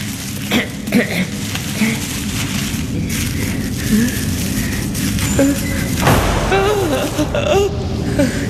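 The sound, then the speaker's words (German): A heavy door bangs with several deep, echoing thuds, one louder boom near the end, set against a busy, reverberant background of murmuring voices and rumbling noise. “Nur die Tür. Es war nur die Tür.”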